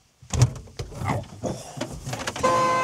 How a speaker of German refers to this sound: Oh. Das war die Hupe? Ja, das war die Hupe.